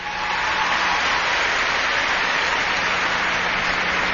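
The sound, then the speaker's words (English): A crowd applauds steadily to show they like Gorbachev, a dense wash of clapping from many hands that stays loud and even throughout, with no voices heard over it. “How many people here like Gorbachev? Applaud if you do.”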